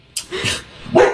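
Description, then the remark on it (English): A dog barks, three short sharp yaps in quick succession, the last one loudest, with no one speaking over them. “Plus, we were under a lot of strain with the dog at that point.”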